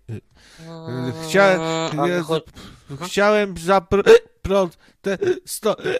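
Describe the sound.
A person imitates hiccups with a string of short, voiced gulping bursts, fairly loud, coming in quick irregular succession across several seconds.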